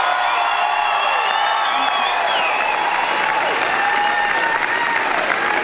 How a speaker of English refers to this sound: Magda Sabansky has made her first public appearance since her battle with cancer in a surprise appearance at the Logies. The iconic Australian comedian receiving a standing ovation from the crowd as she appeared in character as Sharon Strzelecki.